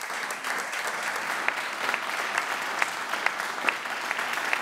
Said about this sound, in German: Aber Applaus in Mainz und in Wehrheim für den anwesenden Künstler.